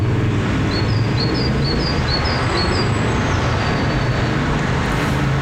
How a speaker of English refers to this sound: Besides the obvious difference of noisy traffic, there's another key variation there, one that has big implications in the lives of these tiny birds.